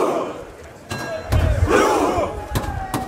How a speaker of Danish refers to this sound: Ja, her hører vi altså nordmændens efterhånden ret kendte VM-kampråb, hvor de sidder på jorden side om side og roer, mens der bliver slået på trummen.